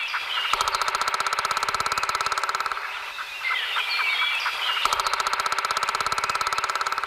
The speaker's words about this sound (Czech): Tak to je jednoduché. Tady tohohle ptáčka my s kamarády jistě poznáme. Tak pozor, holky a kluci. 3, 2, 1. Datel.